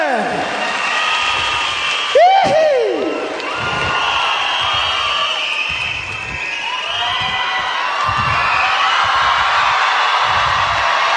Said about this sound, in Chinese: 需要多啲掌声。哇！耶！